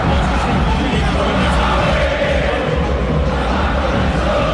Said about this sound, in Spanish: Es un grito de guerra de la gente de River cuando River no está bien.